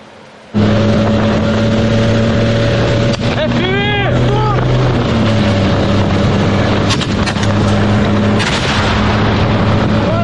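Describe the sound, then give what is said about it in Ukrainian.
A Russian military drone sent to stop a Ukrainian assault gives a loud, steady buzz for about ten seconds, its harmonic whine rising and wavering briefly, with a few sharp knocks and rattles breaking through. “Цей російський дрон мав зупинити український штурм.”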